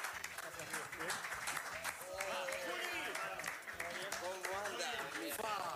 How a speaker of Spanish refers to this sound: Le pongo un aplauso también. Aplauso, aplauso, aplauso, aplauso.